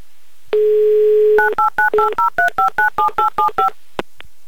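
A steady dial tone hums for about a second, then a quick, even series of around eleven beeping keypad tones as a phone number is dialed, ending with a soft click.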